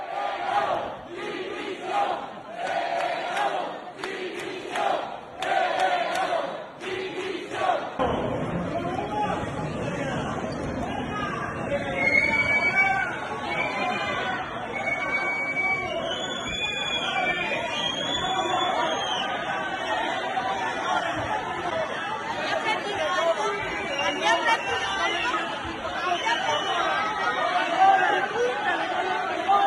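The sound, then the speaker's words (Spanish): A crowd shouting and jeering at a government delegation arriving at and leaving Rebellín, a group including Víctor Torres, Elma Saiz and the government delegate. Loud overlapping voices and rhythmic bursts of yelling in the first seconds, then sustained angry chatter and whistles throughout. “Bueno, pues primero me parece que vale la pena ver cómo ha sido recibido y despedido el grupo gubernamental que ha llegado al Rebellín”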